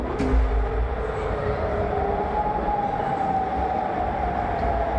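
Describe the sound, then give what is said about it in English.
A long, steady wailing air raid siren tone rises and holds over a constant rumble of background noise, sustained throughout, with no voices present, in Amman, Jordan, at night. “Air raid sirens sound in Amman, Jordan last night.”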